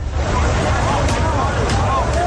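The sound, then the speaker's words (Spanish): A steady wash of crowd hubbub over rumbling surf and wind on Trampolín beach in Ceuta, in the morning as National Police begin a partial eviction of the beach, where 3,000 migrants are living, with overlapping voices and occasional brief shouts rising above the continuous noise. “cuando la Policía Nacional ha comenzado el desalojo parcial de la playa del Trampolín, donde 3.000 migrantes continúan mal viviendo desde hace más de 2 meses.”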